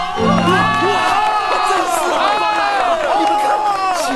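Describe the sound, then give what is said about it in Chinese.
A crowd at a work site cheers and applauds loudly for about four seconds to welcome a campaign broadcaster, many high, excited voices whooping and shouting over one another in a steady, continuous roar. “光来了， 鼓掌。”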